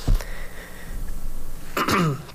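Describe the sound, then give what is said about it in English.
Two short, harsh coughs, one at the start and another near the end, with a quiet pause between them. Moderately loud, with no talking. “Apologies, like I said, you might be hearing some coughs and stuff.”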